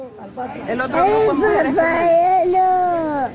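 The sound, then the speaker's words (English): A recording of young children separated from their families under President Donald Trump's 2018 zero-tolerance immigration policy, crying and wailing continuously for a few seconds, their high, quavering voices rising and falling, with overlapping sobs and no clear speech. “Children in cages, the audio of the children crying after being separated, all a result of the president's zero-tolerance policy.”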